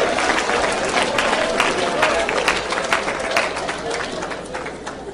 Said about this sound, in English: Somebody clap with me. Just clap. Praise God.